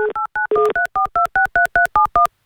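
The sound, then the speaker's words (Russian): A rapid run of about a dozen touch-tone telephone dialing beeps as a host on Avtoradio phones a listener, each a clear two-note electronic tone, evenly spaced with short gaps. Loud and steady, with no talking over them. “Давайте Геннадию позвоним.”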